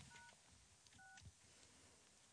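Two short telephone dialing tones on live radio as the hosts try to call someone, beeping in quick succession, each a brief pair of steady pitched notes, heard clearly over a low background hum with no one speaking.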